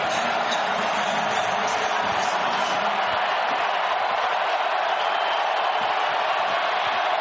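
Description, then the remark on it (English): A huge stadium crowd at an American football game roars without pause as the quarterback gets the ball on third and 13, a dense, steady wall of noise that holds at full strength for several seconds, with no single voice standing out. “Crowd roars as Daniels gets the ball.”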